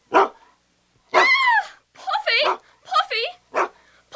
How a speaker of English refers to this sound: This dog is determined to get your cat. He's a big dog trying to push me out of the way.